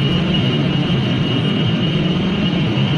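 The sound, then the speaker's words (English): A steady, loud mechanical hum from a data center, with a deep low-end rumble and a thin high-pitched whine held constant throughout, like massed cooling fans running nonstop with no pauses or voices. “If you live near one of the 3,000 data centers around the country, it might sound familiar.”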